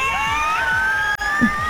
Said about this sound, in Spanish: Ahí va, esos gritos de felicidad, qué lindo.